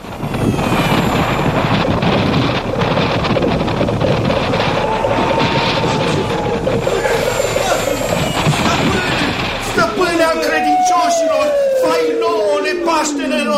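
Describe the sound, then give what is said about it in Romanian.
A loud, steady roar of rushing wind as Aladdin's palace flies through the air, lasting about ten seconds, then giving way to a whistling tone that glides downward as the gust sweeps past. “Palatul lui Aladin zboară prin vântul ca pasărea cerului!”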